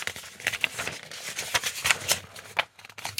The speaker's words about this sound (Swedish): Då bläddrar jag fram ungdomsfrågan på 26an. Nu blir det lite prassel här i pärmen.